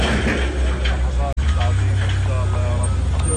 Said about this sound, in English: Across Gaza City, earth movers grind through piles of waste, loading it onto trucks bound for a new landfill in the south.